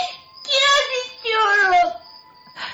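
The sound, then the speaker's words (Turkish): A child cries at night in a house with light showing from its window, two long, wavering wails with a short pause between them, whimpering fairly loud, followed by a brief softer sob at the end. “kes ağlamayı da uyardık”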